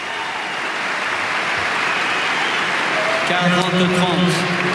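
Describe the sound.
Steady crowd applause, a dense crackling wash of clapping that holds at an even level throughout, with a voice rising over it in the last second or so.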